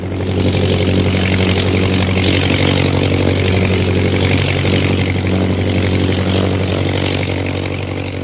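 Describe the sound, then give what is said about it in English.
A steady engine drone runs throughout, loud and even, with strong low harmonic bands and a constant buzzing hum, like a small propeller plane's motor, an airplane motor turned on in flight over the center of a village. “Jim, I have to turn my motor on. We're losing altitude and flying speed.”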